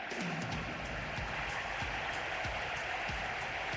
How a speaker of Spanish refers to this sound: Aplauden los jugadores de Atlético a su hinchada en un día muy lluvioso.